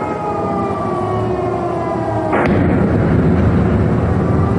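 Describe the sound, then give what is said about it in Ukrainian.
A steady wailing siren is cut by a sudden heavy blast that leaves a loud, rumbling roar, as drones strike the Russian city of Ryazan, about 500 kilometres from Ukraine, in the morning. No one speaks. “Туди, а це за 500 кілометрів від України, долетіли дрони і лунали вибухи.”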